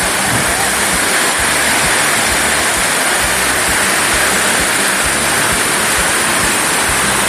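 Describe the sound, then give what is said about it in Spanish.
A torrential morning downpour roars steadily and loudly, a dense unbroken hiss of heavy rain with no voices or pauses throughout. “¡Qué lluvia torrencial, torrencial!”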